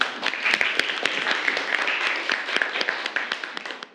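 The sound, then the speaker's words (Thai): A room full of people claps steadily for about four seconds, a dense, even patter of many hands with sharp individual claps poking through, welcoming the first student presenter in a classroom session on sharing feedback about artworks. “เดี๋ยวเราไปดูการนำเสนอจากเพื่อนคนแรกของห้องต้นทางครับขอเชิญครับปรบมือให้เพื่อนหน่อย”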